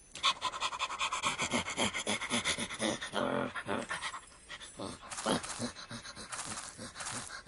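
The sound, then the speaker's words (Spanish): A dog pants rapidly and steadily, quick breathy huffs in a continuous rhythm that eases slightly toward the end. “Un perro verde que venía hacia mí diciendo: me gustas. Y me lamió el estómago.”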